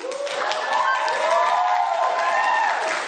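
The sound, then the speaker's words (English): An audience applauds a woman speaker steadily for about three seconds, dense clapping mixed with cheering and a few raised voices, holding loud and even from start to finish. “Meanwhile, there's a whole bunch of white people in the audience applauding her.”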